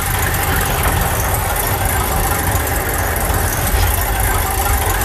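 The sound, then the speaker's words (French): A radio game's spinning prize wheel, the 'roue du temps' on Ici Limousin, meant to stop on a year: a loud, steady whirring rattle of rapid ticks that runs evenly for the whole five seconds without slowing down. “je vais envoyer la roue du temps, qui va s'arrêter sur une année grâce à votre stop.”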